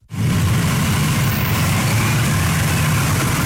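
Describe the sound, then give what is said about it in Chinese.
Steady, loud engine rumble of a ceremonial motorcade carrying July 1 Medal recipients, escorted by a ceremonial motorcycle squad, travelling from their residence to the Great Hall of the People around 9 a.m. A deep low drone and broad road noise hold constant throughout, with no voices. “上午9时许，7一勋章获得者集体乘坐礼宾车从驻地出发，由礼宾摩托车队护卫前往人民大会堂。”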